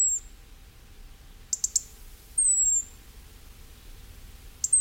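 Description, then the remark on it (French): Thin, high-pitched notes of a European robin over a quiet background: a brief whistle, a cluster of sharp ticking notes, then a longer sliding whistle, with pauses between phrases. “Sacré rouge-gorge.”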